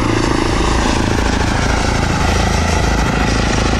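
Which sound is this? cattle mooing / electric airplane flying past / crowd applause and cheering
electric airplane flying past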